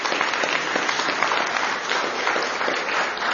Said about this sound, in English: And a big round of applause for the staff and everybody that's worked so hard to do this. Thank you.